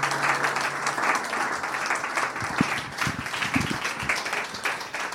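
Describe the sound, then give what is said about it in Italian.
A concert audience applauds steadily, a dense wash of many hands clapping at once that holds at a fairly even loudness for several seconds, with no voices standing out. “Grazie, grazie, però secondo me potete continuare a battere le mani sull'ultima canzone, che così ci tiriamo sul morale, appunto.”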